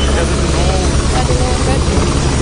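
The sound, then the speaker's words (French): Loud, steady thudding of helicopter rotors overhead, a constant rumbling drone filling the whole stretch, with indistinct voices faintly mixed in underneath, amid a crowd of foreign journalists and cars. “Au milieu d'une nuée de journalistes étrangers, de voitures, du bruit des hélicoptères, nous apercevons une jeune fille.”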